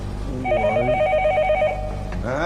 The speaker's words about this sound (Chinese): 这电话怎么没人接啊？ 我接。